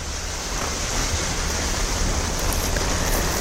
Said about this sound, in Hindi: Connaught place में भी झमाझम बारिश हुई, अक्षरधाम में भी कुछ ऐसा ही नजारा देखने को मिला। तो दिल्लीवासियों के लिए सुबह थोड़ी राहत हुई गर्मी से।